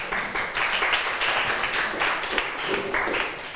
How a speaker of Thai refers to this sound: เก่งมากปรบมือให้เพื่อนหน่อยค่ะ